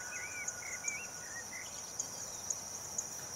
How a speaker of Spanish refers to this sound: Y ahora grillos, pájaros.